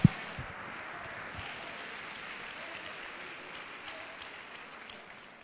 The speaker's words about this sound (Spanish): Le damos un aplauso al Señor ahora sí, con el corazón.